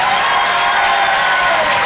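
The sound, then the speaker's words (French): A crowd at the Rire et Chanson Comedy Club applauds and cheers as a comedian takes the stage, a dense, steady wash of clapping that stays loud throughout with no talking over it. “Bonsoir tout le monde, faites du bruit!”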